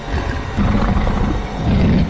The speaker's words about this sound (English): We just heard this extremely deep growl come from inside.